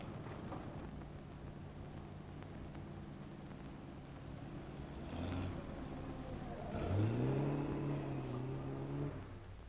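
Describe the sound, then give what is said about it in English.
A car engine rumbles, then revs up with a rising whine as the vehicle accelerates and drives past, fading slightly at the end. No one speaks. “That looks like Linda's car.”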